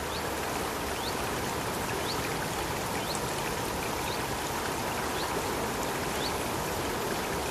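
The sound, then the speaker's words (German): A babbling stream in the Central European primeval forest of the Bavarian Forest, Bavaria, rushes steadily, a constant watery burble, while faint birds chirp now and then in the background. No one speaks. “Dieser plätschernde, zwitschernde Natursound, der kommt aus dem Bayerischen Wald.”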